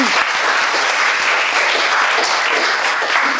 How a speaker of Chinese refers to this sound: 好，掌声送给他。